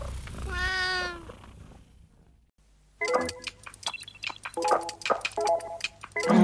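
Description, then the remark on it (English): A person gives one drawn-out, wavering meow in imitation of a cat. A short silence follows, then a busy run of clicking, dripping sounds with no talking. “If pussycats work for you, I'll just meow till I get you free.”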